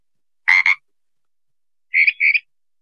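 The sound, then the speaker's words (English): A single two-part Pacific tree frog ribbit, then after a short pause a mockingbird's thinner, more whistled imitation of the same double croak. Both are clear, with no talking. “The first sound was the ribbit call of the Pacific tree frog. The second one was a mockingbird mimicking the Pacific tree frog.”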